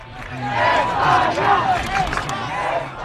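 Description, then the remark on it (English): A large crowd of football fans at Boston City Hall Plaza cheers and shouts together while watching Spain beat Argentina 1-0 in the World Cup final, a dense, loud roar of many voices with rising and falling yells, sustained throughout. “It was a big day yesterday at Boston City Hall Plaza as a large crowd gathered to watch Spain beat Argentina 1-0 in the World Cup final.”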